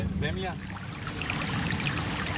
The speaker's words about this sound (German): Wir sind gut 3 Kilometer außerhalb der Stadt an einem kleinen Bach. Er führt direkt an einigen Grundstücken mit großen Wiesen vorbei.